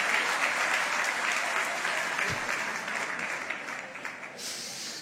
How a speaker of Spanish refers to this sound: Ay, hay mujeres que no están aplaudiendo.